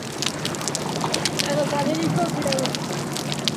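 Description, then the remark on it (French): Dense, continuous small crackling sounds, many tiny clicks and pops over a steady hiss, with no engine or boat noise underneath. “Il n'y a pas le bruit des bateaux, donc on entend beaucoup mieux les crépitements.”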